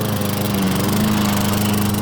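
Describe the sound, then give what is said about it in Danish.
A lawn mower engine, garden machinery from Biltema, runs steadily throughout, a loud continuous droning hum with a strong low tone and buzzing overtones, with no voices. “Havemaskiner, der bare holder hos Biltema.”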